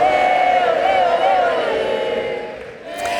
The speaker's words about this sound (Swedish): Där hörde vi publiken sjunga när Lionel Messi spelade sin sista landskamp för Argentina.